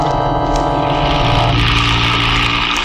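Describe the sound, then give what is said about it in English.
A car engine runs steadily, a loud continuous drone whose pitch shifts partway through as the vehicle keeps driving, with no voices. “There seems to be a car following us.”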